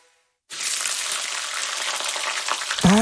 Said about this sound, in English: That's delicious New Zealand steak sizzling in the pan.